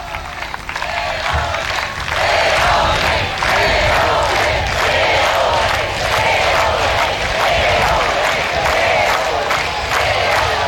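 A large crowd of the faithful on Lampedusa applauds the Pope steadily after he receives a gift, dense clapping mixed with cheers and scattered shouts, loud and sustained throughout with no speech over it.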